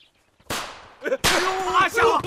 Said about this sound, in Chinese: 哎，队长，是那小子把鞭炮给点着了。 什么鞭炮？